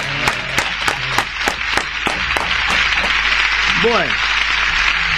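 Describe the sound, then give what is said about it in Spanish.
Steady, rhythmic clapping from a few people during a live program, sharp and evenly spaced for about three seconds before fading into background noise, with a brief voice near the end. “Vamos a brindarle aplauso desde aquí.”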